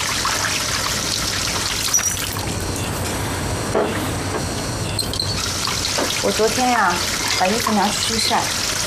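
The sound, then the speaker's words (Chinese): A faucet runs steadily for the whole stretch, a continuous splashing hiss of tap water pouring into a sink as someone washes their hands before a meal, with faint voices briefly surfacing near the end. “哎，洗手吃饭了啊。哎，洗手了吗？”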